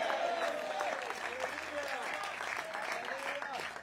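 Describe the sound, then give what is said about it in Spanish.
Sustained applause from an audience during a sermon, given to the Lord and His name. It is a dense, steady wash of clapping lasting several seconds, with voices mixed in beneath it. “Dele fuerte ese aplauso al Señor, a su nombre.”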